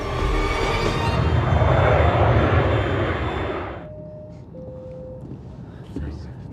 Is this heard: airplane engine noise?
yes